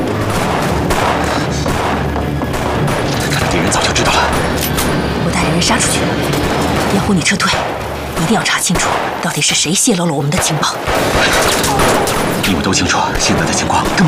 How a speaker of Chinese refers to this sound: 距离爆炸还有不到2分钟， 我们等居酒屋爆炸了再进行营救行动。这样的话，可以分散敌人的注意力。